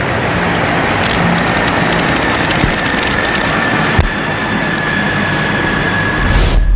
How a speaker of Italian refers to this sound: fumi tricolori anche dagli elicotteri della Marina Militare Italiana che stanno passando in questo momento al termine proprio dell'inno di Mameli sul luogo della cerimonia.